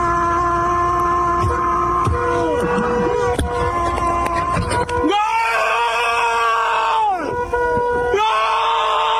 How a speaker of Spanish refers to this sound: Ese que escuchás gritar, después de escucharte a vos